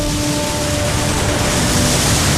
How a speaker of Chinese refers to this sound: 90多年过去了，大渡河水昼夜不停，用翻涌的文化讲述着青春与信仰的故事。